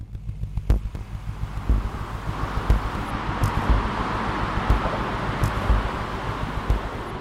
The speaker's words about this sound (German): Im Frankfurter Süden hört man ein Rauschen, das niemals so richtig verstummt. Die Bundesautobahn 5.